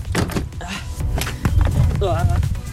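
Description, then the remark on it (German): Clattering and thunking as a folding camping chair and table are collapsed and packed away into a motorhome, with several sharp metallic knocks and rustles, plus a brief voice murmuring in the background. “Und dann wird der Tisch einfach zusammengeklappt.”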